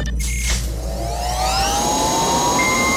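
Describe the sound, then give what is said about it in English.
A pumpkin picker machine's engine is fired up with a loud, steady roar and a whining tone that climbs gradually in pitch as it spins up. No one speaks. “But first, we're going to go ahead and fire this pumpkin picker up for you”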